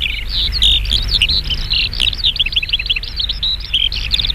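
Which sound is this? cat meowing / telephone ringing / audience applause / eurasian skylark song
eurasian skylark song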